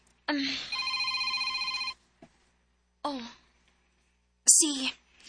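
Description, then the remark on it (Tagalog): A cellphone rings with a fast, trilling electronic tone lasting under two seconds, fairly loud, followed by short bursts of a voice speaking. “Imo cellphone, niring.”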